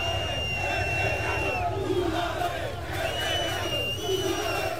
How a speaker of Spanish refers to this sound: Pues muchos gritos, mucha tensión en la salida previa del autocar del equipo.